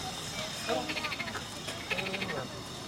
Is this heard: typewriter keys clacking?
no